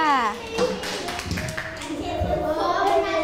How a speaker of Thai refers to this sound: ขอเสียงปรบมือให้กลุ่มที่1ด้วยค่ะ